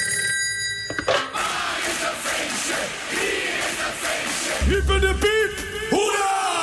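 A telephone rings out on an outgoing call from a radio show to people with a birthday, the ringing tone repeating over a busy background of crowd noise and shouting, fairly loud.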